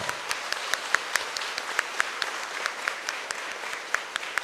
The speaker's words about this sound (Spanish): ¡Viva San Antonio! ¡Que viva! Démosle un fuerte aplauso.